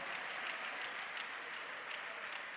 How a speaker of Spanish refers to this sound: ¿Cuánto pueden darle un fuerte aplauso allá?